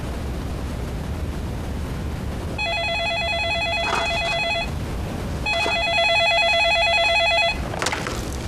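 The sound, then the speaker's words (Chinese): A telephone rings with a call from a lawyer, in two bursts of rapid electronic trilling, each lasting about two seconds with a short pause between, heard over a low hum with no one speaking. “律师来电话了，说你妈以后就能回来了。”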